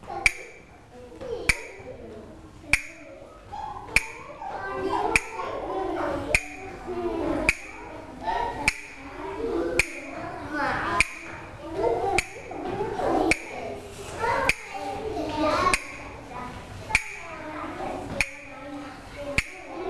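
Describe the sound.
Sharp, bright taps strike at a steady beat, roughly one every second or so, repeating clearly throughout over a background of children's voices and movement.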